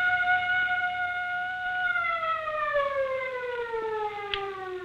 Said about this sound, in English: First the siren must stop. It offends my ears. Governor, give the order. This is the governor. Turn off the siren.